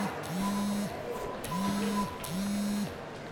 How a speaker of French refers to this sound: C'est à ce moment que le téléphone portable d'Amélie sonne.